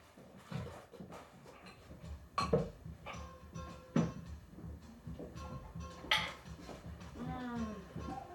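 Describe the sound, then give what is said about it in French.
Metal cutlery, the small blue pieces, clinks and clatters in a few sharp bursts as it is gathered and set down for setting the table, with quieter handling sounds and soft voices in between. “Ok, les couverts.”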